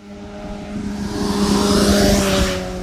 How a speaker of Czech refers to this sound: Stojím v Nové Rabině přímo u radaru, okolo mě právě teď prosvištěl motorkář, který podle mě 100% může očekávat pokutu, protože rozhodně jeho rychlost nebyla 50 ani 60 km v hodině.